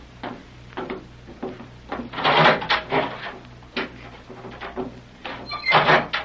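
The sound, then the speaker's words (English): A heavy steel door is wrenched open with rattling clanks and grinding scrapes, swelling into two loud surges over a low steady hum, with no voices. “We'll begin with this door in front of us.”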